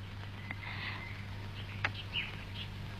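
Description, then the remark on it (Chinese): Several short, bright chirps from pet birds scattered over a steady low hum, fairly faint, with a sharper chirp near the middle and no talking. “是我养的小鸟。”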